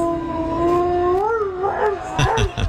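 A dog lets out a long, loud howl along to a man's singing, holding steady, bending upward, then breaking into wavering, yelping notes near the end.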